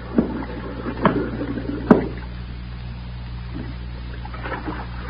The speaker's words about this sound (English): Listen. Some bubbles. Some air bubbles. Can't you hear?